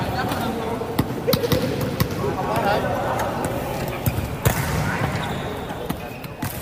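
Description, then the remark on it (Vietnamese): Basketballs bounce repeatedly on a hard court in an irregular rhythm at a city sports games as athletes warm up, sharp thuds overlapping amid a busy hubbub of voices and movement. “Tiếng bóng nảy liên hồi trên mặt sân, những bước chạy khởi động gấp gáp trên khán đài.”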